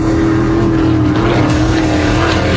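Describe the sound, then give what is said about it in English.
Racing powerboat engines at the X Insurance Clearwater Offshore Nationals on Clearwater Beach, 90 race boats going over 140 miles an hour, roar continuously and loudly, a steady droning whine with a slightly wavering pitch layered over rumbling low-end noise, with no one talking. “90 race boats, over 140 miles an hour.”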